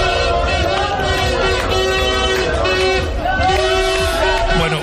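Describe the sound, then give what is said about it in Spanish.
A noisy street celebration after the final whistle of Spain's World Cup win over France: car horns blare in long sustained blasts, some overlapping, over a dense roar of crowd cheering and chatter that stays loud throughout. “Y a partir del pitido final, la fiesta en la calle.”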